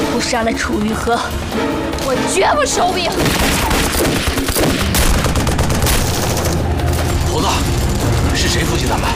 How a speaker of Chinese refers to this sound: 您听见远处传来的爆炸声和枪声了吗？